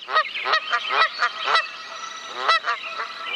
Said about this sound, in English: And Canadian geese are back in Manitoba. Sometimes aggressive encounters with humans are happening.